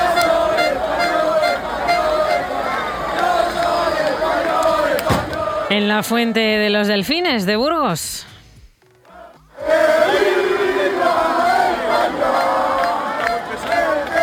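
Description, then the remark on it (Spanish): A large street crowd in Ávila, Castilla y León, Spain, celebrates the Spanish national football team's victory with loud, continuous cheering and shouting, broken midway by a rising, warbling whistle-like tone and a brief lull before the roar returns. “Así sonó la victoria de la selección en las calles, en las plazas, en los bares, en las casas de Castilla y León y, por ejemplo, en Ávila.”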